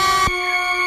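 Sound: alarm horn sound effect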